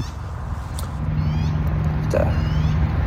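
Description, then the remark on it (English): A helicopter passes overhead, its rotor making a steady, low, pulsing rumble that holds fairly loud throughout and swells slightly in the second half, with no voices. “Yeah, you can kind of hear there's a helicopter going overhead.”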